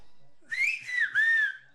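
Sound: human whistling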